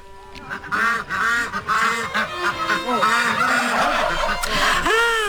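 A noisy flock of white poultry in a park enclosure, including white Crimean ducks, quacking and honking at once, their calls overlapping in a steady, busy chorus that stays loud throughout.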